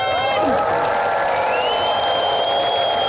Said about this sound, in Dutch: Mag ik een heel warm applaus voor Hare Majesteit de Koningin?